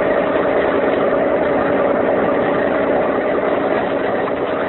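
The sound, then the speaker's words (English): The motor of a police launch boat on San Francisco Bay runs steadily at a constant, fairly loud level, its low droning hum and rumble continuing unchanged for several seconds with no voices or other sounds over it. “I'm going to turn off the motor again.”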